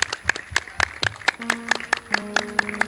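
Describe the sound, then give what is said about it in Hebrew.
An audience in Holon at The New Voice contest claps in a steady, rhythmic beat, about four sharp claps per second, loud and even, with a faint voice and a low hum running underneath. “חולון כפיים פה קצת, מה קורה?”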